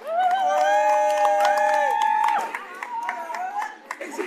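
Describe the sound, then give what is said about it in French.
A crowd cheers to encourage a group from Magdala de Lille, a day shelter, with a long, loud high whoop, then scattered hand clapping and shouts follow as the cheering fades toward the end. “Applaudissez Serge et Mathias pour les encourager.”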